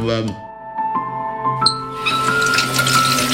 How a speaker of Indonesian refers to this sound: Yuk, itu kerannya belum ketutup loh. Ah, udahlah, cuma netes doang.